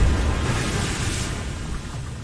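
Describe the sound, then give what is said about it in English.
A big wave crashes against a boat in a heavy, roaring rush of water, booming low and washing over everything for a couple of seconds before easing slightly. “Oh, no, no, we're about ready to get hit. Watch out for that wave!”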